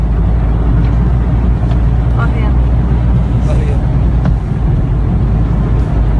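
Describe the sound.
A car ploughs through deep water, its engine rumbling loud and low under constant sloshing and splashing while the motor labors and strains. Voices can be heard faintly over the noise.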